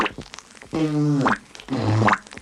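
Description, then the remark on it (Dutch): Two buzzing lip sputters, made by blowing air through pursed lips with the tongue pushed forward between them, each a low, vibrating raspberry, the first longer and the second shorter with a rising wobble at the end. “Voor de sputter blaast u lucht door getuite lippen om een zoemend geluid te krijgen.”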